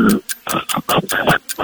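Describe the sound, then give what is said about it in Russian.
A voice imitates the snoring of a loved one, as a task in a sound-imitation game, with a quick run of about seven rhythmic, raspy bursts, each a short noisy snort with a low rumbling undertone, separated by brief pauses. “Храп любимого.”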